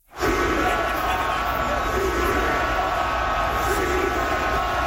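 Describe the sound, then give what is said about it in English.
A Montreal hockey arena crowd of about 20,000 yells the chant "shoot the puck" together during a playoff game against Carolina, a dense, loud and steady roar of thousands of voices that holds without pause for the full five seconds. “That is 20,000 people yelling, shoot the puck.”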